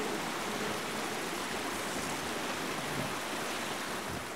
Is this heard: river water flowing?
yes